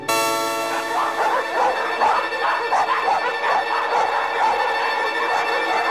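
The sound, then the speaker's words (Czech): A pack of dogs, just let out of their cages, howls and barks together in a loud, continuous chorus, long wavering cries overlapping with sharper yelps for the whole stretch, with no one talking. “A teď pustím psi z klecí... Ať to oslavují s námi!”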